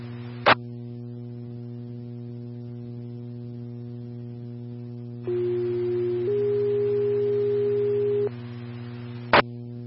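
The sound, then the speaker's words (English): Two-tone radio dispatch paging alert sounded for an ambulance unit's medical transport call: a steady tone for about a second, then a slightly higher one held for two, over a constant electrical hum with sharp clicks at the start and end. “Medic 1, stand by for tones.”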